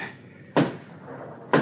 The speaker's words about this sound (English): Someone knocking.